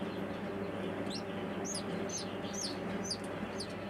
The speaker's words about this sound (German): Das ist einfach ein Hühnerküken. Das ist so eine Zwerghuhnrasse. Sieht man den Küken sogar schon an, weil die noch extrem klein sind.